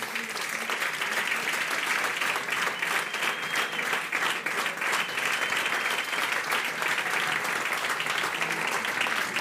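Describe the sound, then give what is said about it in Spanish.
Steady, sustained applause from an audience as a career recognition award is presented, a dense crackle of many hands clapping at an even loudness for the whole stretch, with no talking over it. “Les damos un aplauso a ambos.”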